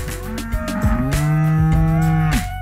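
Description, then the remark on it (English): Several cows moo loudly, their long, drawn-out lowing calls overlapping one another in a steady chorus with no speech. “I love you, cows.”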